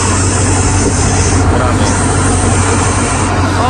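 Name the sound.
person imitating a snake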